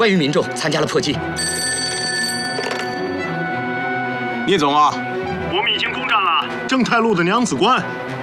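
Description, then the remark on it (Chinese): A telephone rings with a steady, bright electronic tone for a few seconds, partly under men's voices, then the talking continues on its own; it is an incoming call from the Jin-Cha-Ji command. “报告，彭总，晋察冀来电。”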